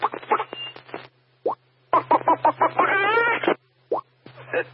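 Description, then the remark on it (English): A man imitates a chicken, making a quick run of loud clucking bursts with short pauses between them, ending in a stretched, wavering squawk and a couple of final clucks. “I missed that fucking chicken guy.”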